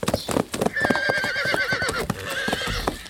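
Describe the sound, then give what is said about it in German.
Two horses gallop toward a castle with quick, rhythmic hoofbeats while one lets out a long, wavering whinny over the thudding, fairly loud. “Trotzdem, ich würde sagen, ein Zielband am Schlosstor hätten beide Pferde zur gleichen Zeit zerrissen.”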